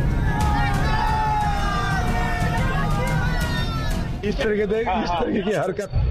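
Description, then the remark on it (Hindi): A loud, agitated crowd in Bengal chases the vehicles of a convoy, throwing mud and making threats, shouting and chanting slogans together in a dense roar of voices, with rising and falling cries standing out above the babble and continuing throughout. “Video में साफ दिखाई दे रहा है कि उग्र भीड़ काफिले की गाड़ियों का पीछा कर रही है, लोकेशन तो देखते हैं।”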